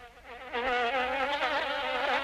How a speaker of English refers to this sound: Springtime is when mosquitoes come out in full force.